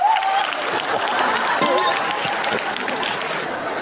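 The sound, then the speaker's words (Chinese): A crowd claps steadily to welcome an older woman introduced by a performer, a dense, continuous wash of applause that holds at an even, fairly loud level from start to finish, with a faint voice briefly audible beneath it at the start. “咱们掌声有请，鼓掌。”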